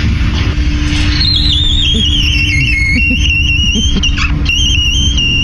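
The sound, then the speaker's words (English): A door creaks with a long, high-pitched squeal that wavers and slides downward, then holds a thin whistling tone for several seconds over a steady low rumble. “But people have been sending us their squeaky doors too, which we just love.”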